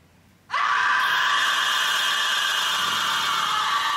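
A woman in a TV crime drama scene lets out a sudden, loud, sustained scream after finding a dead body. It starts after a brief quiet moment and holds at full intensity without a break, shrill and piercing, with no talking.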